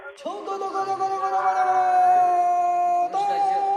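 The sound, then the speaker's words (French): A Yangtze River boatmen's chant recorded in 1912: a single voice holds one long, steady wailing note for nearly three seconds, breaks briefly, then carries on at the same pitch, fairly loud. “avec ce chant de marin enregistré en 1912 sur ce fleuve bleu, comme il était appelé à cette époque, qui est à 6 ans près celle de l'action du film.”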